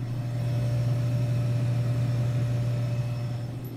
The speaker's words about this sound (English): Back at the vending machine. Is it this what's humming?